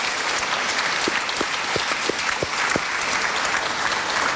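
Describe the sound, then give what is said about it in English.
A crowd applauds steadily, a dense wash of many hands clapping at a constant, fairly loud level, with a few sharper individual claps standing out. No one speaks. The audience is applauding everyone at a discussion of Australian books. “So please give everyone a big round of applause.”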